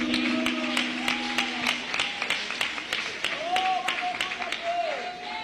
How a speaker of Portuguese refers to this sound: Vamos receber o grupo com palmas de vitória para Jesus.